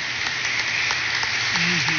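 An audience claps together in a steady, dense wash of applause for a young woman's birthday, with no pauses. A voice briefly sounds over the clapping near the end.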